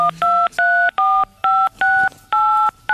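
A quick run of mobile phone keypad DTMF tones as the digits 1 to 8 are pressed, about eight short two-pitch beeps in rapid succession with brief gaps, clear, with no talking.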